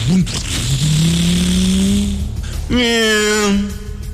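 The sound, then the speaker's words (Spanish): A motorcycle engine revs up loudly, its pitch climbing and holding, then drops briefly before a second sharp rev rises again as the rider pulls away to go on ahead. “Vaya usted, adelántese en la motocicleta.”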